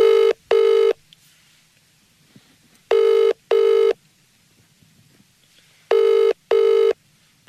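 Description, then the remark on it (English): A telephone ringing tone on the line while calling a phone number that appeared with a cryptic message in Dublin, sounding in three pairs of short double rings spaced evenly apart, with quiet gaps in between and no talking. “We're going to give it a buzz and we're going to see what it's all about.”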